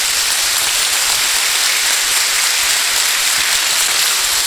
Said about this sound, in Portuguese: Uma salva de palmas aos pais aqui presentes.